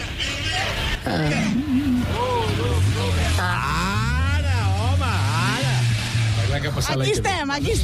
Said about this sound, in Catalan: Ah, no, escoltem el motor. A veure, el motor. El motor. Diu, per escoltar el motor.